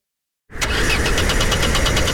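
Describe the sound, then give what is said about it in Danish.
A car engine cranks and labors to start, a steady run of rapid rhythmic pulses churning fairly loud after a brief silence, without catching into a clean idle. “Med bilforsikring og vejhjælp fra GF får du hjælp, når bilen ikke vil videre.”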